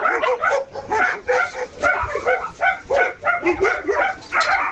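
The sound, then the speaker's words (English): Several dogs bark and yip in a rapid, overlapping chorus, loud, with occasional whimpers mixed in across the whole stretch. “The dogs are going off.”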